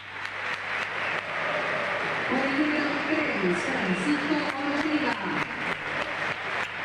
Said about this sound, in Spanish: A ver, escuchamos el termómetro. Muchos aplausos para Montiel, antes para Santiaguito Beltrán, el arquerito arquerazo. Bueno, algunos silbidos, ¿eh? Muchachos, no hay que silbar antes. Muchos aplausos para Otamendi, ¿eh?